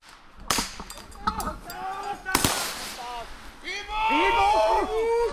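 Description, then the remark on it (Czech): Several sharp, loud blasts go off in quick succession during a simulated military attack drill, with soldiers practising defence of the Dukovany nuclear power plant on a smoky forest road near the plant, each cracking out over anguished cries and moaning of the simulated wounded that swell and grow louder toward the end. “Slyšet jsou nejenom výbuchy, ale také sténání raněných.”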